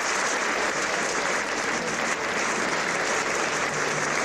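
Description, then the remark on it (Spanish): Sustained, loud applause from a large concert audience giving a great ovation to conductor Juanjo Mena at the end of his last concert at the Quincena Musical Donostierra; a dense, steady wash of clapping that holds at an even level throughout without any talking. “Y es que no podía ser de otra manera, aplausos para despedir a este maestro que, como saben, se retirará de los escenarios a final de año”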